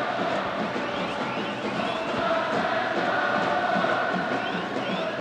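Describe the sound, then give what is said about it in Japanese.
A large crowd of supporters at a Tokyo Derby football match cheers and chants in a steady, dense roar that holds at an even, loud level for the full five seconds, with no single voice standing out. “今日はもう東京ダービーサポーターは開始前から大きな声援を送っています。”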